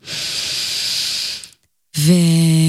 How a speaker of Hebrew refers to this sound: וממליצה רגע לקחת נשימה עמוקה, עמוקה, עמוקה.